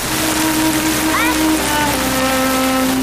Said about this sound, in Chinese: 问题是这场雨下得太大了。 这么大的雨下着会造成水患的。